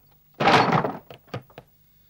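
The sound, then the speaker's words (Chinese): A heavy, rattling bang on a wooden door, followed by three or four quicker knocks, fairly loud, with no voices; someone is pounding to get the door opened. “开门！快开门！来人了！快开门啊！”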